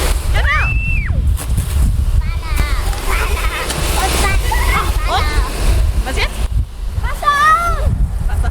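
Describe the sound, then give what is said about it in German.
Water sprays from a fire hose in a steady, loud rushing hiss that runs the whole time, while kindergarten preschool children and an adult shout and call out over it during fire safety education in Weißenborn. “Wassermarsch! Genau, zweites Vorwassermarsch, ne? Und jetzt aufdrehen.”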